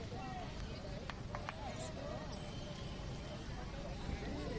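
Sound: horse hooves clip-clopping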